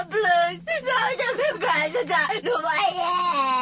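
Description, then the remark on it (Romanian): Someone cries and wails loudly for a few seconds, a continuous high, wavering voice with sobbing breaks and pitch that rises and falls. “Nu mai plânge.”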